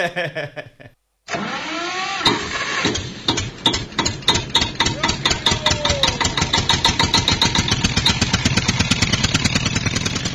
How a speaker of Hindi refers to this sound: अब चुप, चल अलग अलग हट, बाजू हट, ट्रैक्टर हम चलाएंगे आज।